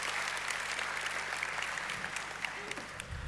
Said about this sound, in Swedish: Det är häftigt ändå. Eller hur? En applåd.